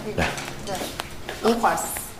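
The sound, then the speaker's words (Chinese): Dishes and a large cooking pot clink and clatter in a few sharp metallic knocks as the big pot is carried out to be served, while people talk over the clatter. “都把它端上去了啊！ 这大锅”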